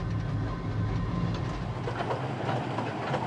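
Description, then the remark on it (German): A mountain railway train rumbles steadily along its tracks through the Kurobe Gorge, a dense low roar with a faint rattling clatter of wheels running continuously, loud and without any voices. “Nur mit dem Zug kommt man in dieses Tal.”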